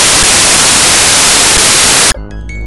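Loud, dense radio static hisses steadily for about two seconds, then cuts off abruptly and gives way to a quieter steady electronic tone.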